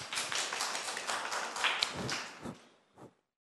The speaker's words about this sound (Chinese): 我们热烈的掌声欢迎